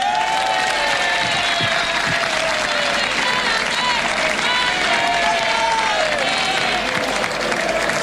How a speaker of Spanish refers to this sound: pido un fuerte aplauso para la dirección deportiva de este club.